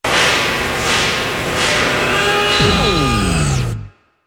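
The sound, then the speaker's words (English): A long, drawn-out cow moo rises and then sinks in pitch near the end, loud, over a busy, steady background that cuts off abruptly. “From cows that eat lots of grass, like lots of it.”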